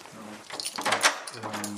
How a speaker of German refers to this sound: Schließen die Tür.